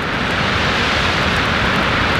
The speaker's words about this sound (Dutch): Deze branding die zwelt aan van rechts naar links. Kan je direct even je speakers controleren.